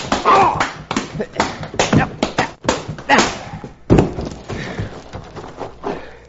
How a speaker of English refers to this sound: All right, Cherokee. I bruised my knuckles on this polecat's chin.